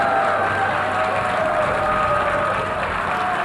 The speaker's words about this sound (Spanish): Entre aplausos y abucheos, decenas de delegaciones abandonaron la sala en protesta por la actuación israelí.